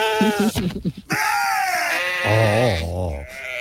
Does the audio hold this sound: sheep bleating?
yes